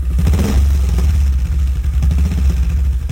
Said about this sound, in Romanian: Al lui Ionescu de la Demisol, care acum și-a găsit să ambreieze motocicleta.